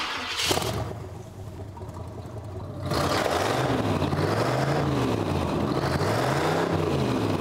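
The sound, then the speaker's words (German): A hot rod car, assembled from parts of different eras, cranks over and catches, then settles into a loud, rumbling idle with rhythmic rises and falls in pitch as it's gently revved, with no voices. “Das ist auch kein Auto, wo ich Musik brauche, weil die Musik ist, spielt vorne.”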